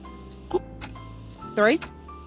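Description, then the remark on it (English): A trivia game's countdown clock ticks in a steady rhythm over a low sustained musical hum, with seven seconds on the clock and a brief voiced sound breaking in partway through. The ticks are moderately loud. “7 seconds on the clock.”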